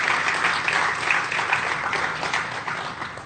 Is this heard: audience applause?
yes